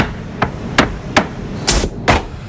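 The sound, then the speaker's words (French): Poplar wood planks being assembled in a workshop into a board for the Breton game of palets, with five sharp hammer blows striking wood at an uneven pace, fairly loud, and no one talking. “Elles sont ensuite coupées, puis assemblées pour former la planche finale.”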